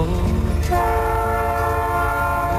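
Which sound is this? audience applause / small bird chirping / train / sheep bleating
train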